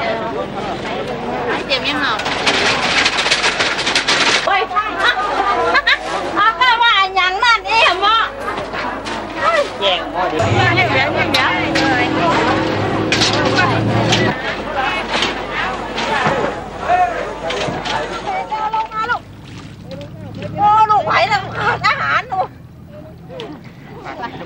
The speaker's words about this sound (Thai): ก่อนอรุณรุ่งตลาดสดใจกลางเมืองลำปางก็เริ่มแน่นขนัดด้วยผู้คนและสินค้านานาชนิดแต่บรรยากาศในวันนี้ดูจะคึกคักเป็นพิเศษด้วยชาวลำปางตั้งใจจับจ่ายข้าวของมากมายเพื่อเตรียมสำหรับงานบุญประจำปีโดยเฉพาะ